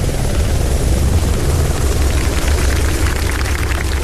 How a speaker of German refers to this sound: Um 14.12 Uhr landete der Hubschrauber der Flugbereitschaft auf dem Sportplatz vom FC Schwarte Rattenroda.